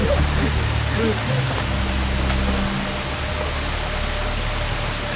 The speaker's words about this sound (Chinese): 我刚刚到赵村，就是又刮风又下雨，看来老天爷不欢迎。